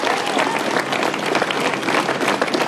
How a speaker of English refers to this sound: Well, there was massive applause given to the outgoing PM by a packed Downing Street full of advisers and friends.